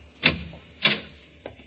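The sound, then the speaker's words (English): A cellar door at the bottom of the stairs opens with three distinct clunks of latch and wood spaced evenly apart, moderately loud, the last one softer. “Another door.”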